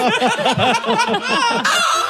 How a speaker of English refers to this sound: And when you hear our mad hen clucking, give us a buzz